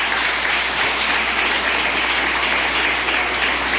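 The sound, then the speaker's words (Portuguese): A church audience applauds to glorify God, steadily, with dense overlapping clapping from many hands filling the room at an even, sustained loudness with no voices standing out. “Palmas que glorifica a Deus.”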